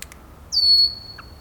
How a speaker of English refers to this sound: We still hear the jack calls and alarm whistles of the red-winged blackbirds.